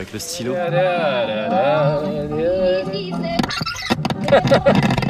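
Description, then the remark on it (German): A cassette tape is wound back by hand with a pen, a loud burst of rapid plastic clicking and rattling that follows a stretch of wavering, drawn-out vocal sound. “Ich habe den Zurückknopf nicht gefunden, also habe ich sie mit dem Stift zurückgedreht.”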